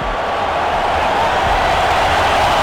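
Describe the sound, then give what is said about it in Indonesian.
A stadium crowd at a Mexico football match roars and cheers as 17-year-old Gilberto Mora comes on as a substitute, in a loud, steady, unbroken wash of noise that holds its level for a few seconds, with no individual voices standing out. “Oh, penonton langsung bersorak ya.”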